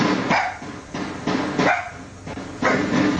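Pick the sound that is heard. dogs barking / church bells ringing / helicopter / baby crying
dogs barking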